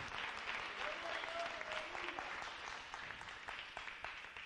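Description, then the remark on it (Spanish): A crowd claps steadily in dense, sustained applause given to the Lord one afternoon, with a faint voice or two briefly rising through the noise before the clapping slowly thins toward the end. “Dele un aplauso al Señor en esta tarde.”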